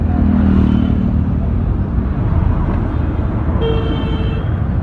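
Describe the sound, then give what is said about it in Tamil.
Loud, continuous street traffic with engines rumbling and car horns blaring repeatedly, heard on the way to a bus stop, including a sustained honk near the start and another toward the end. “என்னென்ன காது பிஞ்சிடும் போல இருக்கு, இப்படி ஹாரன் அடிக்கிறாங்க பா.”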